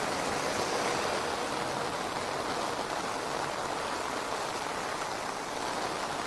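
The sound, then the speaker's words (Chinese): Raindrops patter steadily after a gust of wind beside the service road of the G6 Beijing–Tibet Expressway, a dense, hissing wash holding an even, fairly loud level throughout with no voices or other distinct sounds. “一阵风刮过来，很明显的就可以听到雨滴拍落在。”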